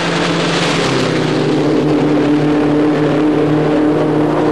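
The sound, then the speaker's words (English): A British record-breaking racing car's engine roars at high speed across salt flats, a loud, steady drone with a sustained low hum and broad rushing noise throughout, no voices. “Five world records in one day by a British driver in a British car.”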